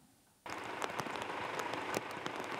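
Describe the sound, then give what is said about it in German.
Heavy rain from a strong storm following a heatwave, in Hildesheim in the morning, starts abruptly after a quiet moment, becoming a dense, steady hiss across the whole range with scattered sharper spatters from drops hitting a surface. No voices are present. “Auf die große Hitzewelle folgt ein kräftiges Unwetter mit Starkregen.”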